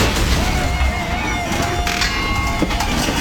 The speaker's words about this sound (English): Does your garage door sound like that? That's not normal. That's a failure waiting to happen. And it could leave you stuck when you least expect it.